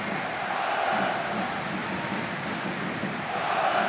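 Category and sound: crowd, football stadium crowd atmosphere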